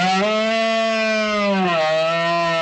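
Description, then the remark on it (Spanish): A red deer stag bellows during the rut (the berrea) among oak woods and ravines in the Sierra de Albarracín, Aragón, Spain, in September: one long, loud, drawn-out call with a rough, droning tone that dips lower near the end, with no voices present. “Cuando septiembre asoma y el aire se vuelve más fresco, los bosques de la sierra despiertan con un sonido salvaje y milenario, el de los bramidos de los ciervos en celo que anuncian la berrea entre robledales y barrancos.”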